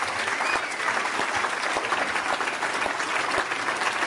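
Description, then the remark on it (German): A live audience applauds the whole technical crew on the grounds, a dense wash of many hands clapping at once, sustained and fairly loud throughout without letting up. “Mal einen Applaus für die gesamte Technik hier auf dem Gelände.”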